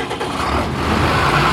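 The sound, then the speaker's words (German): A tractor engine runs steadily during a grain harvest, a loud, continuous low rumble with a rough mechanical drone that holds for the whole moment. No one speaks. “auf seinem Trecker beim Getreideernten”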